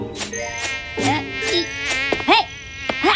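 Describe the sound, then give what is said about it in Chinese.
A housefly buzzes, its droning whine wavering up and down in pitch as it swoops around in several loud passes over a few seconds, with no voices. “烦人的苍蝇，快走开。”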